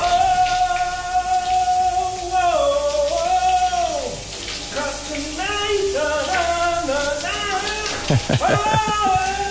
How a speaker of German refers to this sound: Uli hat nämlich heute erkannt, was hier unter der Dusche gesungen wird